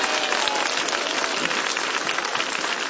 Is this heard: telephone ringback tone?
no